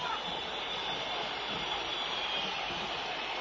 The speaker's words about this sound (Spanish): Silbido monumental.